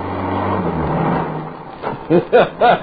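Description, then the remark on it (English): A car engine hums low and steady with road noise as the vehicle drives off through gates and out onto a highway heading towards San Bernardino, easing down after a second or so before a voice starts speaking over the fading rumble. “A couple of minutes later, we were in the car. We rolled through the gates.”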